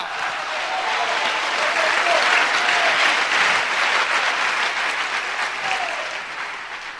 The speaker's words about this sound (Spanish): Un aplauso fuerte. ¡Aleluya!